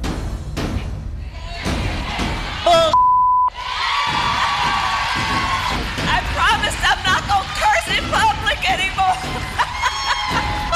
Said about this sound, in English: Welcome to Kamala 4.0. Just shouting and some singing and some dancing and some, like, it can be good.